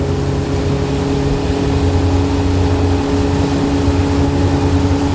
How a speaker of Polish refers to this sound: Tutaj nagrywanie na łódce jest trochę utrudnione, bo wiadomo, że jest tutaj duży hałas.